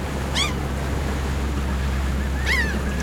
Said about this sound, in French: Zélie, une adolescente de 16 ans, éteignit la télé et regarda par la fenêtre les vagues déferler sur la plage toute proche.